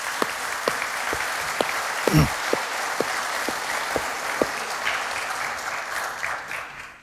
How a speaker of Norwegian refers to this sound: Ellers så vil jeg bare beundre dere som har stått på og ordnet denne møtesalen her. Vi bør gi dem en god klapp hva de har gjort. Utrolig.